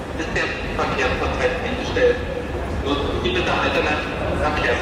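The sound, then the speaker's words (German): Ambience at Berlin Hauptbahnhof, Germany, in the late evening while rail traffic across Germany had come to a halt: a steady wash of echoing crowd murmur with indistinct voices, footsteps and rolling clatter spread throughout, fairly loud and continuous. “In ganz Deutschland ging ab dem späten Abend nichts mehr im Bahnverkehr, wie hier am Berliner Hauptbahnhof.”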